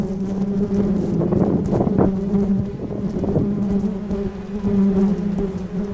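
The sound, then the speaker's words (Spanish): A dense, steady drone of many bees buzzing together, fairly loud, holding a continuous hum for the whole stretch with slight swells and no voices; a swarm in Tijuana, Baja California, being checked by a man who classifies swarms. “mejor conocido como el hombre abeja, porque su trabajo es una misión muy difícil.”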